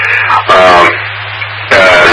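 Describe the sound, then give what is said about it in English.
Loud bursts of crackling radio static come in regular pulses, separated by quieter stretches where a steady low electrical hum continues underneath. The static is on RF when connected to the All-Star and seems to be only on the PSR frequency. “but then when I get on the All-Star, the problem is on RF, there is some warlord that I have not checked out yet, but it keeps on making this rhythmic static noise, and it seems to be only on the PSR frequency.”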